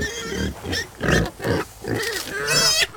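Several pigs grunt and snort in a steady run of short, rough bursts, moderately loud, with a squealing oink near the end and farmyard noise in the background.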